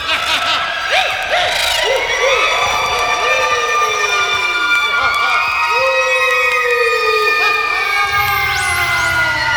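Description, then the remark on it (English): A group of children sneak around making ghostly sounds, screeching and shrieking in eerie wails, their high voices swooping up and down and overlapping continuously, loud throughout. “They sneaked around and made ghostly sounds. They screeched, and they shrieked.”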